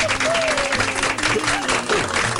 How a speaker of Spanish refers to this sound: Así como muchas mamitas hacen el rol de padre a su vez, muchos papitos también les ha tocado, les ha correspondido hacer también las veces de mamá. Así que un aplauso grandote para ellos.